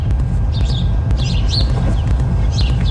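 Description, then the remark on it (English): A young bird calls in three short, high chirping bursts, fairly clear, over a steady low rumble of background noise; no one speaks. “Meanwhile, a young bird's throat explodes and rents the air.”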